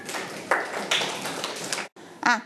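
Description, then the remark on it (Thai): A classroom of students applauds their classmates together, a dense, steady patter of many hands clapping for about two seconds that stops abruptly, followed by a brief voice. “ค่ะปรบมือให้กับเพื่อนๆค่ะ”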